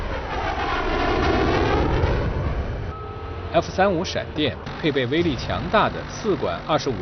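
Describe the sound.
An F-35 fighter jet roars past loudly, its engine pitch sweeping as it flies by, then fades as a person begins talking over a faint lingering rumble.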